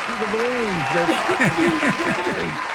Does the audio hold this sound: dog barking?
no